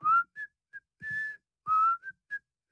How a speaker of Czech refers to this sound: Seběhl po schodech do sklepa a cestou si pískal.